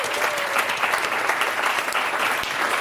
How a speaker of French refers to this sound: Déjà, je vous propose qu'on l'applaudisse